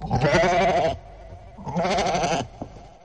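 A goat bleats twice, each call loud and quavering, lasting nearly a second, separated by a short pause, with a faint click just after the second bleat.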